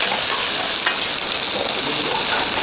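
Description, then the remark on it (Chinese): Steady, loud sizzling of fried scorpion tails being stir-fried in a wok together with assorted meat and vegetables for a Cantonese stir-fry, a dense crackling hiss with faint scraping of stirring throughout, no voices. “最后和多种荤素食同炒。”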